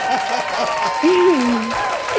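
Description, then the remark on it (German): Steady applause fills the whole stretch, a dense, even patter of many hands clapping, with a voice rising and falling over it partway through. “Hier kommt ein Applaus.”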